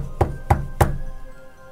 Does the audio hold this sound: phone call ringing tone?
no